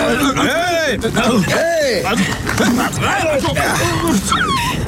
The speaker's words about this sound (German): Den Hund, den ich da um sein Leben winseln höre. Wisst ihr, was er meint? Wir? Nee. Was denn für ein Hund?